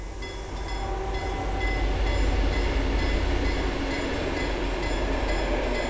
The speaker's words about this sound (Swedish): Där järnvägsrälsen i september 2025 hängde i luften susar nu tågen förbi på en nytillverkad banvall av grått grus.